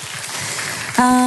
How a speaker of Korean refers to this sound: 예, 큰 박수로 모셔주실게요. 감사합니다.